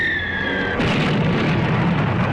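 A thin descending whistle streaks in, then cuts to a loud, sustained blast of roaring, crackling noise as a rocket fired from an aircraft hits a car at the front of a line of vehicles in a valley and flames shoot up from it; no voices.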